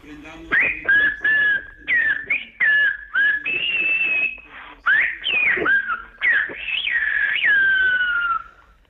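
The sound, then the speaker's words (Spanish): A loud human whistle in Silbo Gomero, the whistled language of the Canary Islands, saying 'the Pope is already here, let us raise our gaze', rises and glides in a long, speech-like sequence of pitched phrases, with rapid swoops and sustained tones, pausing briefly between bursts, heard alone without talking. “Vamos allá, lo haremos con el Silvo Gomero. Y lo voy a silbar aquí y voy a decir, el Papa ya está aquí, alcemos la mirada.”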